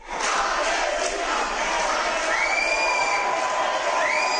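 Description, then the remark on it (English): At an airport in Bilbao, Spain, a crowd of returning pro-Palestinian activists chants and cheers loudly and continuously, voices overlapping in a dense roar with occasional rising whoops and shouts standing out above the mass, before being subdued by Spanish police. “Pro-Palestinian activists chant and cheer before being subdued by Spanish police after they returned to their country.”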